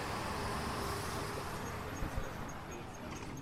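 A sightseeing tour bus rolls through city streets under plane trees whose branches reach into the bus, with a steady engine and road rumble, a couple of soft thumps midway and faint high whines riding over the continuous noise.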